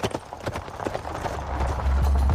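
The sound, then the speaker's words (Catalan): Traffic of horse-drawn carts: horse hooves clip-clop in a quick, uneven rhythm of sharp knocks, with a low rumble of cart wheels building steadily underneath and growing louder toward the end. “Però veies aquest trànsit de carros, doncs, no?”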